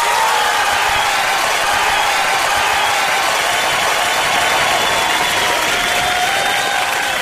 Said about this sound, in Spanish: Así que un aplauso para todos los cruzados de corazón a esta hora. Radio Los Confines, 103.9 FM. El aplausómetro para todos los cruzados que están en sintonía a esta hora, celebrando todavía alguno, ¿ah?